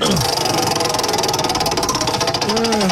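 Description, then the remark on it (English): A prize wheel of topics, spun as hard as possible, turns with a rapid, steady stream of ratcheting clicks, loud and continuous for about three seconds, with a faint squeaky tone rising at the start and end. “I'm going to spin it as hard as I can this time.”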